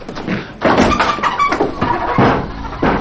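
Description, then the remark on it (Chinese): A door is pushed open abruptly by an officer barging in without knocking, with a few knocking thuds and a rattle, followed by scuffing movement and more bumps, all fairly loud with no talking. “谁呀？不敲门就进来了？”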